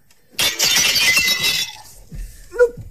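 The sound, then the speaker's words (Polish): The glass of a picture frame shatters loudly, a bright crashing burst lasting about a second, followed by a few scattered tinkles and clinks of falling shards, with nobody speaking. “No i coś ty narobił, fuja Robełżycka? Gdzie ty teraz znajdziesz po nocy szklarza?”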